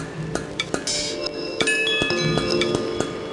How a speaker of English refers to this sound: I love these chimes, they're so nice.